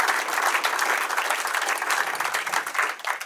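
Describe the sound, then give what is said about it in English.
A sustained wash of applause from the audience at Penguins Comedy Club at the end of a comedy show, dense and steady throughout with many hands clapping at once, fairly loud and filling the whole stretch without a break. “Hey, one more round for yourselves for being here tonight.”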